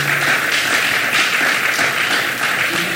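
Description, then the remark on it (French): A studio audience applauds steadily, a dense wash of many hands clapping at once that holds at a loud, even level throughout with no voices on top. “Et nous demandons, nous font tonnerre d'applaudissements pour inviter nous, s'il vous plaît.”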